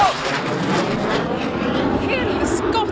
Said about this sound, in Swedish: Alltså, där kom något slags flygplan farandes i luften. Jag kände, jag duckade, men den var ju såklart högt över mig. Så lät det igår.